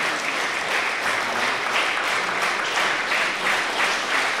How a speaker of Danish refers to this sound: Publikum fik klappet den ind igen. Akela strygekvartetten og pianist Gustav Pikuch.